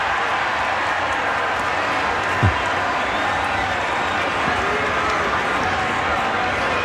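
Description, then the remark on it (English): A thin, steady wash of crowd noise from the small crowd remaining at a baseball stadium in the ninth inning, with the Pirates leading the Giants 10-1; scattered cheers and claps rise faintly over a constant roar. “Fans who are still here, which is a very small percentage of those who were here, cheering.”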